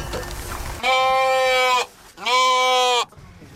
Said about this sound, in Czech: K připravené ohradě u horní stanice Lanovky Skalka právě najíždí auto s vozíkem, ve kterém už čeká stádo ovcí.